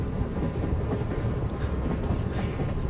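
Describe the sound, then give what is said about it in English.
A train carriage rattles steadily along the rails, a dense, continuous rumble with faint rhythmic clatter, moderately loud, with no voices. “I didn't know you were on the train.”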